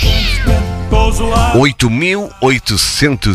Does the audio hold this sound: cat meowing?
yes